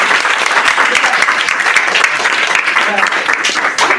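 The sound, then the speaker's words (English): A steady round of applause at a school quiz of Police Children's School 1, Bauchi, after a correct answer, with dense, continuous clapping from many hands, loud and sustained for the whole stretch, with no speech standing out above it. “A round of applause.”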